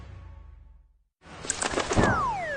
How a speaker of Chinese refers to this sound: 这是白头杯，也叫白头翁，不仅唱歌好听，还是吃农林害虫的好手呢。